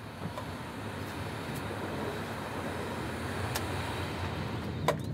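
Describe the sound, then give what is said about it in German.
A work train rolls steadily along the rails near Ihrhove, where the track swings right toward the Friesenbrücke, a continuous low rumble broken by a few sharp clicks and clacks, with no one speaking. “Rechts schwenkt das Gleis zur Friesenbrücke, da muss der Zug gleich rein.”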